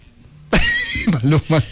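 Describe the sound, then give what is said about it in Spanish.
Someone does a loud vocal impression of a horse whinny: a sudden breathy burst followed by quick wavering, pitched bleats, after a brief near-silent moment. “En la caballo también suena súper bien.”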